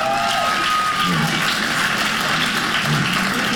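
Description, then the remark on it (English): A crowd applauds steadily and loudly, a dense wash of many hands clapping at once, sustained without a break for a few seconds with no talking over it; the audience of comedian Mike Goodwin, clapping when asked if they have crazy family members. “Hey, clap if you got crazy family members.”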